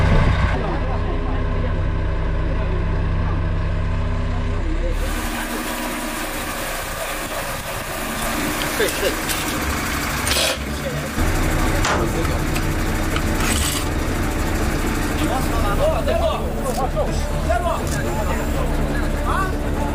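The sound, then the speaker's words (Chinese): A large crane and heavy truck engine run with a deep, steady rumble, loud, over clattering worksite activity and shifting mechanical noise, as a coffin is hoisted from the narrow entrance of the north tomb passage of the Lingxi tomb and moved onto a heavy-load truck. “北墓道上方的地面空间本就有限，还停着一台巨大的吊车，站得满满当当，棺椁只能在狭窄的墓道口短暂停留，然后起吊移到重载卡车上。”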